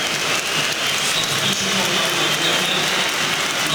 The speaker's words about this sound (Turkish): Kadıköy'de alkışlarla kenara geliyor Elif Elmas.